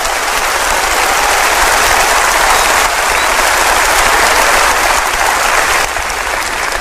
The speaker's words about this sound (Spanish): Óigame, si usted va a dar ese aplauso, délo como se tiene que dar. Déselo al Señor.